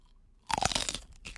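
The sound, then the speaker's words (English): A loud, crunchy big bite into a chile pepper, a sharp burst of crackling followed by a brief second crunch, with no voices. “I'm grabbing chile, the chile. A big ass bite.”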